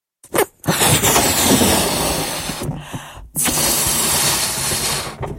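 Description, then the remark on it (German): A balloon is blown up with long, breathy rushes of air: a short puff, then two sustained hissing blows separated by a brief pause, fairly loud with no talking. “Zuerst püst wir nur unseren Luftballon ab.”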